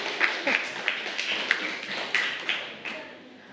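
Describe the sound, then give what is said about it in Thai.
Students in a classroom clap for a classmate for a few seconds, a scattered run of sharp overlapping hand claps at moderate loudness that gradually thins and fades toward the end. “ปรบมือให้กับ”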